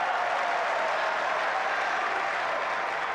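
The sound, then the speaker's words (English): A tennis crowd at a match between Tiafoe and Bublik applauds and cheers at 15-30 in the final set, a dense, steady roar of clapping that holds at an even, fairly loud level for about three seconds, with no one speaking over it. “Come on, crowd, let's make some noise, and that's what's happening.”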